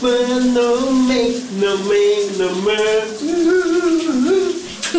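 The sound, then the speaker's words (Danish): A song plays muffled beneath the steady hiss of running shower water, the sustained singing melody faintly audible through the continuous spray for the whole stretch. “Vi skal have brusebadshittet ud af ovnen lige nu.”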